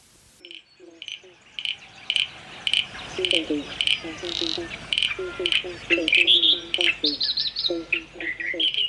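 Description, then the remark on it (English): A chorus of frogs calls steadily, with clusters of short repeated croaks overlapping higher chirping notes, several animals fairly loud, with no voices. “Starts with frogs in 5, 4, 3.”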